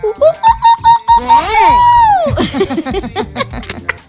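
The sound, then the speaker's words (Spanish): A person imitates Bele's signature scream as an entry in a prize draw: a high, warbling yell that pulses in quick bursts, then swells into one long sustained cry before breaking off into laughter and excited chatter. “El que haga el mejor grito.”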